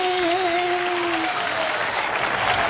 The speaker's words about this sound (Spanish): ¡Aplausos!